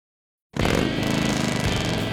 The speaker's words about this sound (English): There's nothing like the sound of a Harley and the feel of the open road, and knowing the bike beneath you is yours.